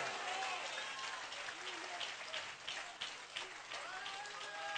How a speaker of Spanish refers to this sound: Aplauda grande al Rey de Gloria.